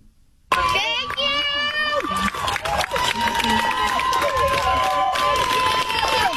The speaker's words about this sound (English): First of all, these are female protesters applauding her defense attorney and thanking him.